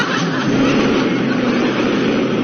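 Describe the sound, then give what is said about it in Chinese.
A steady, loud airplane engine roar, a broad continuous rushing drone that holds at an even level throughout with no breaks or voices. “我们又坐上了飞机。”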